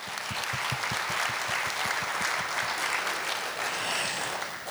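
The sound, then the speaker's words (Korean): An audience applauds steadily for the whole stretch, clapping in thanks to those who came despite the long COVID-19 pandemic, a dense wash of many hands clapping with a few sharper individual claps standing out at a quick, uneven rhythm. No one speaks over it. “코로나19 긴 팬데믹 상황에서도 봄꽃처럼 이렇게 화사하게 따스한 온기를 안고 와주신 여러분께 진정한 감사의 박수를 올리고 싶습니다. 박수 부탁드립니다.”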